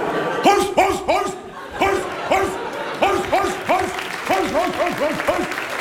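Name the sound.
police dog barking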